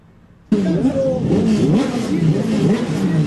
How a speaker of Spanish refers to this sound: Ruido de motores, de altavoces, se viene la clasificación del Turismo Carretera. El sol ha salido en San Nicolás.